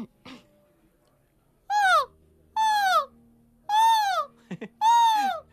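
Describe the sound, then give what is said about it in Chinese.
A person's voice imitates a wild goose alarm call: four loud honks, each sliding downward in pitch, evenly spaced with short pauses between them. “这是大雁预警”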